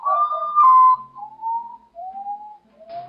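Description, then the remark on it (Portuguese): A common potoo's mournful call: a series of about four clear, drawn-out whistled notes, each one pitched lower than the last, sounding alone with short pauses between them. “O urutau, eu vou até pedir pra edição colocar aí, é aquele passarinho que abre o bocão, ele é difícil de aparecer, né?”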